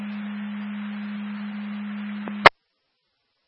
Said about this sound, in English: you can put the tones in again to the firehouse for manpower.